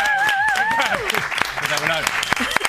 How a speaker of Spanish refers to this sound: ¡Un aplauso para Santi Alberú!